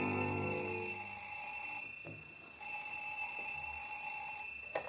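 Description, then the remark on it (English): A telephone bell rings in the home of Deputy Sheriff Beck at ten past nine in the morning, in two bursts separated by a short pause, a steady metallic trill that is clear, with no talking. “At 10 minutes past 9 o'clock next morning, the telephone rang in the home of Deputy Sheriff Beck.”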